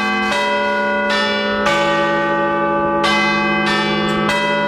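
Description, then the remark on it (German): Big Ben's clock tower bells chime loudly, several deep, ringing strikes about a second apart, each tone overlapping the lingering hum of the last, with no one speaking. “Das sind die Glocken des Big Ben und die könnt ihr live erleben.”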